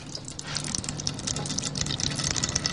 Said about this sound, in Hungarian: megindul a sötét barna színű olaj, és elkezd lecsorogni abba az edénybe, abba a piros bonyhádi edénybe, amit alá tettünk.